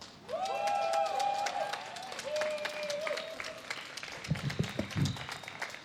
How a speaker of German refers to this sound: Und wir hören jetzt als nächstes eine Kundgebung vom AAT. Also bitte gerne einmal dicken Applaus.